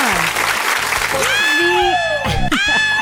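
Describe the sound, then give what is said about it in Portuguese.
Steady applause welcoming a returning technician at the start of the Tarde Nacional program on a Monday afternoon, with a high, excited cheering shriek credited to him rising and sliding over it, plus a few brief vocal whoops near the end. “Cadê suas palmas?”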